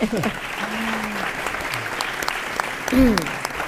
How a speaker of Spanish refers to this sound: Un aplausito.